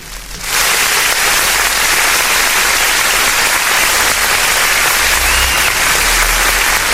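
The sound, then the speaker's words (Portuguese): A round of applause for a birthday starts up suddenly and holds steady for several seconds, a dense, loud wash of many hands clapping with no voices over it. “Vamos dar uma salva de palmas aqui, né?”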